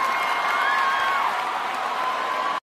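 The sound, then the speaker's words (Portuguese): A crowd claps and cheers steadily for a couple of seconds, a dense wash of applause with whoops and a thin whistle rising above it, then it cuts off abruptly. “Valeu, uma salva de palmas aí, gente.”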